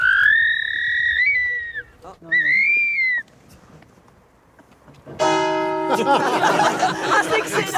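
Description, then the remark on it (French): A person imitates a barn owl call: two drawn-out, wavering high-pitched cries, a short pause, then a louder, harsher rasping burst with ringing overtones that lasts to the end. “Et quand vous imitez son cri, est-ce qu'elle réagit?”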